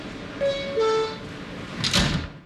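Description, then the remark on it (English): Subway train doors closing: a two-note descending chime sounds, followed by a brief whooshing thud as the doors slide shut, with faint station rumble underneath. “Stand clear of the closing doors, please.”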